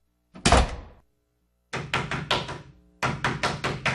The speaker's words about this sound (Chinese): 你是谁啊？敲错房了。